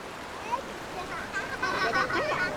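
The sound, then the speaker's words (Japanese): A steady, fairly loud wash of the clear flowing Niyodo River in Japan, known for its "Niyodo Blue" water, fills the scene, with children's voices chattering in the background over the continuous rush of the stream. “こちらは仁淀川。仁淀ブルーとも言われる清らかな流れです。”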